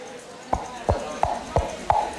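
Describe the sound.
Coconut shell halves clapped together to mimic horse hooves, a classic radio-drama and theatre sound effect: six hollow, resonant clops at a steady trotting pace, moderately loud, with no voices.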